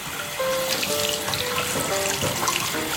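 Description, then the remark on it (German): Water runs steadily from a tap into a washbasin, turned on to wash someone's hair as their head rests in the basin: a continuous splashing rush with faint tonal ringing as the stream hits the basin, no voices. “Ja, und jetzt mache ich mal das Wasser an.”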